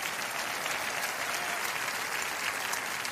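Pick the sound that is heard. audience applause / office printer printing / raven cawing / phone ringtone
audience applause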